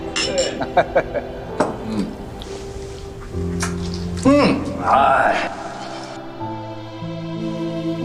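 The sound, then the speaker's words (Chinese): Glasses and dishes clink together several times in quick, bright taps, with ringing tones lingering after, as two families toast the New Year. Cheerful voices rise over the clinks in the middle, then plates and cutlery clatter softly. “咱们两家今天齐聚我于蜀啊，顿感蓬荜生辉，非常高兴的，我替咱们干一杯。 新年快乐， 新年快乐，新年快乐， 干杯，干杯，干杯。”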